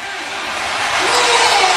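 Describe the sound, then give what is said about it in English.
A large hockey crowd in Raleigh roars in celebration after Seth Jarvis' Stanley Cup playoff goal ties the game at one, a dense wall of cheering and shouting that holds steady and swells slightly louder toward the end. “And listen to this crowd in Raleigh as we go to Vegas, tied at one.”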